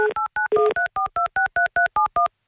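A phone number being dialed on Avtoradio to call a listener: a rapid, even sequence of about twelve short, loud touch-tone beeps, each a two-note electronic chirp, with brief gaps between them and no voices.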